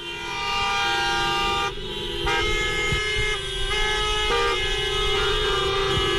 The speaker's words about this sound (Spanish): Algunos lo hacen a pie, pancarta en mano, con el lema que se cumpla la ley. Otros montados en sus taxis, más de 50, que hacen sonar sus bocinas.